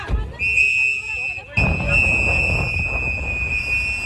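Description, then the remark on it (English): Activists blow a loud, shrill whistle in one long, steady high-pitched note, cutting off briefly and resuming, while masked ICE agents place a handcuffed man into a black SUV in New Bedford, over a muffled background of crowd noise and indistinct voices telling the man not to talk with the officers. “This video shows masked agents placing a handcuffed man into a black SUV, the sound from activists blowing whistles and telling the man not to talk with the officers.”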